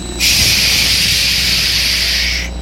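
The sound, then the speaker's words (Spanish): A voice imitates falling rainwater with one long, steady, bright hiss, like a sustained "shhh". It holds evenly for over two seconds and then stops, with no other sounds alongside it. “Mire, el agua caía así.”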